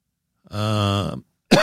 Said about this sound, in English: oh, boy, I cannot believe this. I had myself convinced early this morning that this cough is finally gone, and all of a sudden, here it is again. Unbelievable.